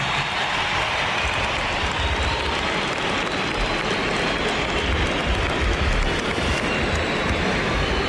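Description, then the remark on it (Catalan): A large crowd gives a sustained ovation for FC Barcelona player Aitana Bonmatí, dense applause and cheering holding at a steady, loud level from start to finish with no pauses or spoken voices. “per tant, Aitana, bon matí, que rep aquesta ovació.”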